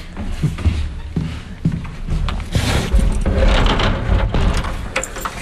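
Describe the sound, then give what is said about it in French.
A door in a museum is pulled shut with a series of heavy mechanical clunks and rattles, followed by a low rumbling resonance that lingers in the echoing museum. “Et fermez bien avec la plaisir. Porte.”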